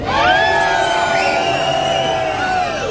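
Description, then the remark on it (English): A large crowd screams and cheers at once, a dense, loud wall of high-pitched voices and whoops that holds steady for a few seconds without a break. “Can someone please scream?”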